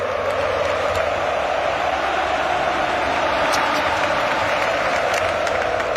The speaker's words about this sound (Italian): Ad applaudirlo c'erano tutti, i tifosi, la moglie in lacrime, i bambini, tanti ex compagni e leggende del club, Fernando Torres e Godin, per citarne solo due, e soprattutto il tecnico.